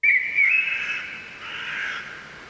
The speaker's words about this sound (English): Third one is a little bit different. It doesn't have that background. It's forest sounds.